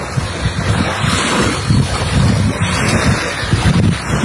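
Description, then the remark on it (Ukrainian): Steady gusting wind buffets the microphone over a broad wash of sea surf along the empty embankment of Mariupol, Ukraine, in mid-June, with low rumbling pulses rising and falling throughout and no voices present. “А це вже Маріуполь і його набережні.”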